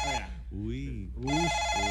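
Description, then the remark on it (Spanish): A telephone ringing sound effect rings in two bright, buzzing bursts, one short at the start and a longer one at the end, with a voice speaking in between, fairly loud. “Suena ahora, suena un teléfono”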